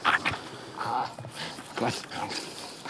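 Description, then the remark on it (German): A young terrier whimpers, a series of short, high whines and yelps rising and falling over a few seconds, fairly loud against a dull background. The dog is Rufus, a 19-month-old Heideterrier and a certified explosives-detection dog of the German Federal Police. “Jetzt ist erst einmal Erholung angesagt, bevor der 19 Monate alte Heideterrier zum ersten Einsatz kommt.”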